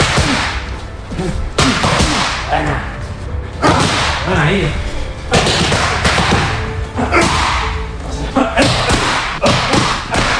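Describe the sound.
Loud, sharp punches by fighter Topuria smack into training pads during training in quick combinations, each impact a hard thud with a whip-like snap, repeating throughout while a voice briefly calls out between strikes.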